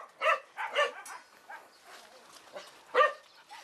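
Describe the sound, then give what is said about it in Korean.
Several dogs in other kennels give short, yappy barks in an uneven burst as they react to a dog named Mary, a few loud calls scattered across a few seconds, with softer barking in between. “과연 다른 견사의 강아지들은 어떤 반응을 보일까요?”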